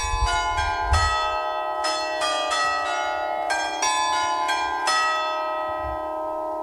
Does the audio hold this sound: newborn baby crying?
no